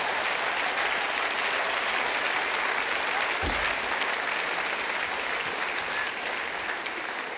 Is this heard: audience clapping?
yes